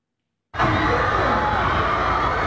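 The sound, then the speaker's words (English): After a brief silence, a loud, dense roar of hundreds of screaming and cheering F1 fans in Singapore, out in the heat and humidity, bursts in and holds steady, a thick wall of many voices with no single voice standing out. “Among hundreds of screaming fans, and all while braving Singapore's heat and humidity.”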